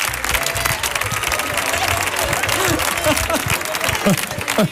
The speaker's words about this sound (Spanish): Vamos a darle un aplauso